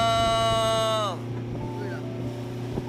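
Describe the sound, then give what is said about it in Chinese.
A fishing boat motor drones steadily late at night on the sea outside Linshui Xincun harbour as fishermen go out fishing, with a high whining engine tone that winds down and fades after about a second, leaving a constant low rumble. “深夜，临水新村港外海，渔火点点，马达声声，一群向海而生的渔民正用汗水和智慧在深蓝海江上书写着乡村振兴的鲜活故事。”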